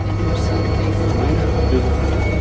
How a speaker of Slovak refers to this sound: Áno, tipujete, vážení poslucháči, dobre, je to let vrtuľníkom, ktorý som priamo v interiéri múzea absolvovala